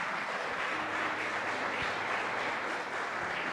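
Sustained applause from a large church audience for the Heavenly King fills the space, a dense, steady wash of many hands clapping at once for several seconds with no voices standing out.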